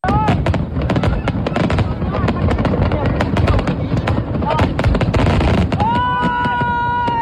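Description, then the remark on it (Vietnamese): Fireworks burst in a dense, continuous barrage at the Da Nang International Fireworks Festival in Vietnam, sharp cracks and pops layered over a loud rumbling roar, with crowd voices and whistling tones rising near the end. “lễ hội pháo hoa quốc tế Đà Nẵng có sức hút đặc biệt đối với mọi người”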